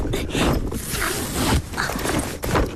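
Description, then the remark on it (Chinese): Continuous rustling and scraping as a two-strap backpack is unzipped and pulled open to look at the items inside (scissors, an umbrella and travel shoes), with fabric handled in quick bursts and brief pauses, no voices. “把背包快给我吧。”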